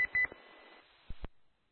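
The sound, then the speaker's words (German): A home doorbell rings with two short, high electronic tones in quick succession as someone arrives to pick up a device, followed by a few dull knocks and a brief thump over a thin, muffled background. “Bei mir hat es gerade geklingelt hier. Da will wieder einer sein Gerät abholen, was ich hier eingestellt habe hier.”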